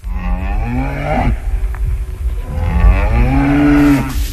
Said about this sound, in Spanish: Ahí está la vaca. Óigame usted, doña vaca.